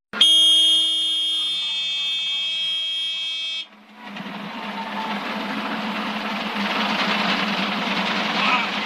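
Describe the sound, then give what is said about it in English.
A loud, steady low main rotor RPM warning horn in a single-engine helicopter blares for a few seconds, then cuts off abruptly, leaving a dense, roaring helicopter engine and rotor rush that swells slightly. “You will hear a horn. That is the warning for low main rotor RPM.”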